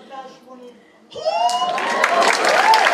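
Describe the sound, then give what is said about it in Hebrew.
A short stretch of voices gives way to a sudden swell of audience applause, dense clapping mixed with cheering and shouting that holds steady and fairly loud to the end. “איפה כפיים?”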